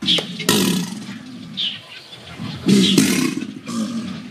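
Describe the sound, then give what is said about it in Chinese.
Deep, rumbling bellows from released Chinese alligators in hot, muggy weather as a thunderstorm approaches rise and fall in repeated bursts, loud, with a few faint bird chirps scattered above the low roars. “天气闷热，雷雨将近，原本安静的扬子鳄突然发出一阵阵的吼叫声。”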